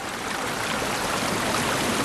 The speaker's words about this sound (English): Dipping, as well as the rhythmic flicking of the dipper's flashy white eyelids, may be a way of using body language to communicate, since rushing rivers can be so noisy they drown out bird calls.